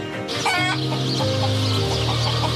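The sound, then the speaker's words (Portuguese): Several free-range hens, raised outdoors, cluck in short, busy bursts, fairly loud, over a steady tonal background that continues throughout the short recording. “Os ovos matinados são postos por galinhas criadas ao ar livre.”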